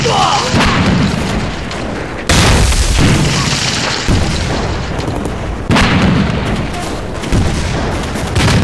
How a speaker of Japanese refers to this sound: 神軍隊に大砲が？奴ら何者だ？